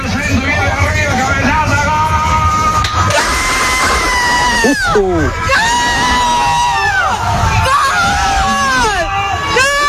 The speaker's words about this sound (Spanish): El colectivero, como llaman en Argentina a los conductores de autobús. Colectivo en Argentina. Bueno, paró el bus para festejar el gol con los viajeros. Vaya locura colectiva, si me permitís el juego de palabras.